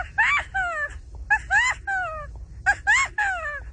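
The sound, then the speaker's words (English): A 12-year-old's voice imitating a California quail's call, giving the bright three-note phrase three times in quick succession, fairly loud, with short pauses between phrases. “Next, the sandhill crane. California quail.”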